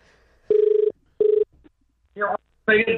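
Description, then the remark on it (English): An outgoing phone call's ringing tone sounds as two short buzzing pulses in quick succession, clear, followed by brief voices talking as the call is briefly answered and then hung up. “Will he answer the phone?”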